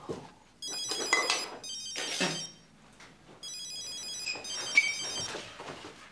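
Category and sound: household object, telephone ringing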